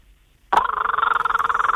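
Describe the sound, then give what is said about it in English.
A person imitates the call of a kookaburra, an Australian bird: a loud, sudden burst of rapid, pulsing chuckles on a steady mid-high pitch, continuing unbroken after a short silence. “Now, I know you can also do the kookaburra, another Australian bird, so let's have that one.”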